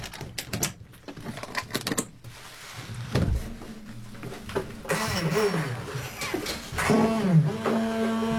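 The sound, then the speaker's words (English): A car engine cranks with a rapid clatter of clicks, then catches and rumbles to life, revving with rising and falling whines, fairly loud with no voices. “The motor car starts.”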